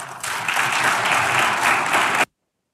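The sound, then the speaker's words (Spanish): A steady, dense burst of applause from an audience favourable to the Argentine government, applauding the president's analysis of economic figures, loud and even throughout, with many overlapping hand claps blending into a continuous wash before cutting off abruptly into silence. “Bueno, despertaba aplausos, por supuesto, ante una platea cómoda para el gobierno, que encima ahora lo vamos a contar, le tiró un centro al sector agropecuario, pero bueno, hacía su análisis, ¿no?”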